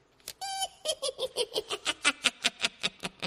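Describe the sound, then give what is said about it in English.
A cackling laugh ringtone: a brief high-pitched shriek, then a rapid, steady run of about fourteen sharp, bright 'ha' bursts, loud and even in rhythm, with no talking over it. “Type of laugh that's the name of the ringtone heard here.”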